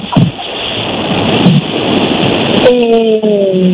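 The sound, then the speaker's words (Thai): A crowd applauds after a performance has ended, with dense, steady clapping for nearly three seconds, then the clapping thins out as a sustained, slightly wavering tone comes in at the end. “มีคนหลายคนปรบมือแล้วก็เพราะว่าการแสดงจบนะคะ”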